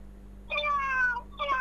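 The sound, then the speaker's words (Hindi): A person imitates a cat with two drawn-out meows, the first long and wavering and the second shorter, with a low steady hum underneath. “अच्छा पहले ये बताएं, आपने सबसे पहली आवाज कौन सी निकाली थी? बिल्ली की?”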